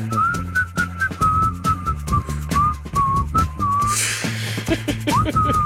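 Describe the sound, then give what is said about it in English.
A man whistles a bright, bouncy melody in clear, sustained notes over a steady musical backing with a driving beat, fairly loud throughout. “My wife hates when I whistle.”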